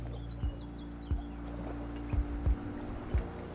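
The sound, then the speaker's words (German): A historic Zeesboot fishing boat, registration Pruchten 7, creaks and knocks on the water of the Bodden lagoon chain between Ahrenshoop and Zingst, with a steady low engine-like drone and several soft thumps spaced about a second apart, plus faint bird chirps in the background. “Nur das Zeesboot mit der Kennung Pruchten 7 ist noch als historisches Fischereifahrzeug unterwegs hier draußen.”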